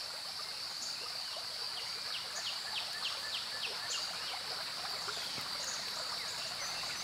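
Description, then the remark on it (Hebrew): A steady wash of flowing stream water fills the scene, with a constant high insect drone and scattered bird chirps over it; no voices. “לאט לאט אתם שומעים צליל של מים זורמים.”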